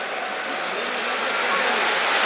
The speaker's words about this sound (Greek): Χειροκροτεί ο κόσμος του Παναθηναϊκού.